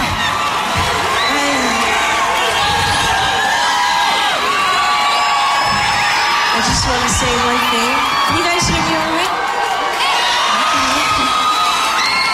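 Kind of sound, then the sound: crowd, audience clapping and cheering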